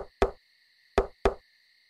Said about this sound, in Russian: Одним поздним вечером в дом постучали.